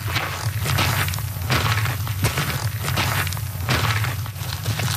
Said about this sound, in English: The sound of boots on a trail, something our next guests are very familiar with. They are walking across the country. You heard that right. They're traveling on foot from coast to coast across the whole of Canada, east to west.